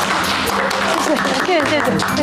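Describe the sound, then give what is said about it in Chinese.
A small group claps steadily in a dense, continuous patter of applause, with a few voices calling out "welcome" over it throughout, welcoming a new staff member to a community development office. “大家伙儿鼓掌欢迎。”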